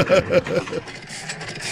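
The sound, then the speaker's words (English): A single-cylinder 1938 tractor engine, recorded on a phone, chugs in slow, even beats, a few distinct putt-putts, then settles into a quieter, steady rumble. “Yeah, it's a tractor sound from 1938, just with one cylinder, you know.”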